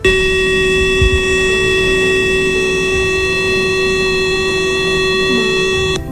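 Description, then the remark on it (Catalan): A loud, steady all-clear siren signalling the end of an emergency alert holds one unbroken tone for about six seconds, with no rise or fall in pitch, over faint background rumble and no voices. “Quan finalitzi l'alerta, sonaria això.”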